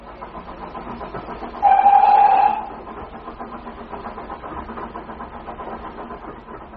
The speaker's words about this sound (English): If we're quick, we can be in working by 11 o'clock. The train only takes an hour.